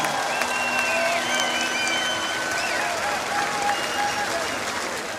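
Steady, loud applause from a concert audience, a dense wash of clapping for the peace patron that holds evenly for several seconds with faint whistles and crowd noise mixed in.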